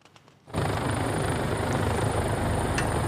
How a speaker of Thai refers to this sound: ผู้เห็นเหตุการณ์บันทึกภาพขณะที่เฮลิคอปเตอร์ลงจอดบริเวณที่เกิดเหตุเรือระเบิดใกล้เมืองไมอามี่รัฐฟลอริดาของสหรัฐขณะที่เจ้าหน้าที่กำลังเร่งเคลื่อนย้ายผู้บาดเจ็บออกจากบริเวณดังกล่าว